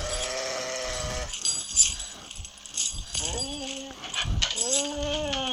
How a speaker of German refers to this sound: Oh nein. Oh Gott. Der Hund ist in die Fallen reingekommen. Der arme Hund, aber was soll sie machen?